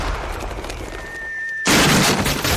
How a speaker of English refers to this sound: He's firing his recent furniture purchase from the cannon to his house.